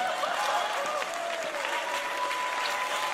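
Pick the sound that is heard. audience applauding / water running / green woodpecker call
audience applauding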